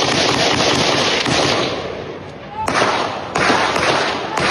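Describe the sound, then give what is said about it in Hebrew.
Gunfire from a long weapon, fired by a gunman in the streets of the Kiryat HaSharon neighbourhood around 7 in the evening, including at arriving police: a steady, harsh crackle of rapid shots, broken by several sharper, louder cracks at irregular intervals, with a brief lull before the bursts resume. “בסביבות 7 בערב הוא יצא לרחובות שכונת קריית השרון כשהוא חמוש בנשק ארוך ופתח בירי.”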